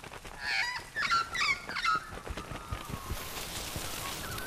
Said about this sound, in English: The magpie was squawking to warn off the other birds and protect his babies.